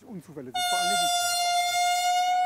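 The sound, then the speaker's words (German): A train horn blasts suddenly on a railway bridge in Hetschbach right after a short stretch of speech, a loud, steady, piercing tone held for a couple of seconds, while a voice briefly continues underneath it. “Sie macht auf sich aufmerksam.”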